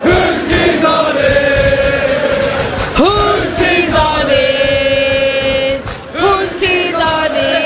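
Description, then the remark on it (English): A huge stadium crowd at a soccer match chants "Whose keys are this?" loudly in unison after someone lost their keys, thousands of voices repeating the sung phrase every few seconds with a rising swell at the start of each line, dense and continuous throughout. “Imagine losing your keys at a large sporting event and all of a sudden the entire crowd starts chanting, "Whose keys are this?"”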